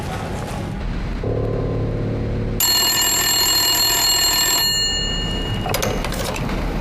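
A telephone bell rings loudly in one sustained, bright burst of about two seconds, after a lower droning tone; nobody speaks.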